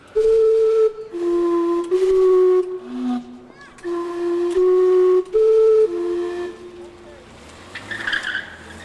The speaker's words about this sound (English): Steam-powered sounds can almost be likened to antiques in the soundscape and seem to have become attractions or even romances for that reason. Listen to the steam clock, which is located in the old center of Vancouver called Gastown.